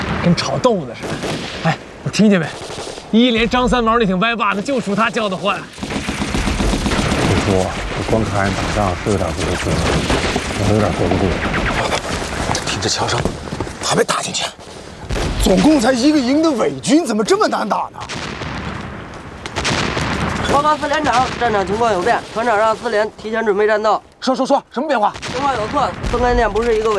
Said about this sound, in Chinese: 听这枪声，还没打进去。总共才一个营的伪军，怎么这么难打呢？